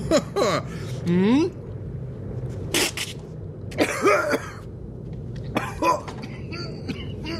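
A man coughs in several harsh, sputtering bursts over a few seconds, with strained, choking throat sounds between them, fairly loud, with no talking; a businessman choking after trying to down a full glass of vodka with ice in one gulp.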